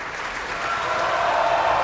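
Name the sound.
opera audience applause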